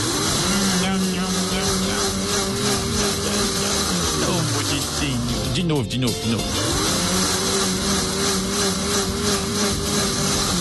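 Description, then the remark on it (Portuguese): A blender whirs loudly and steadily throughout, mixing five eggs, oil, juice or fruit pulp and sugar until the sugar dissolves; its motor pitch sags and wobbles briefly midway as the mixture churns, then settles back into a constant high whine. “Bater a mistura até o açúcar diluir completamente. Vamos ligar o liquidificador.”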